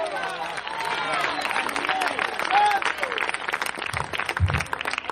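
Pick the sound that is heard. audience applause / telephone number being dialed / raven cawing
audience applause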